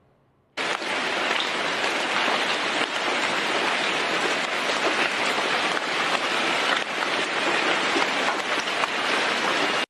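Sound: rain falling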